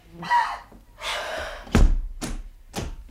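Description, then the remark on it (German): Breathy rushing noises give way to a loud door slam in an apartment, then two sharp follow-up clunks like a lock being turned. No one speaks. “Was schmeißt dann die Tür so zu und schließt ab?”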